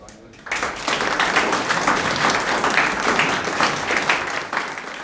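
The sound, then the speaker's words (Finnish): Loud, sustained applause from a crowd begins abruptly after a brief quiet moment and continues steadily as a dense, even wash of many hands clapping. “Annetaan raikuvat aplodit.”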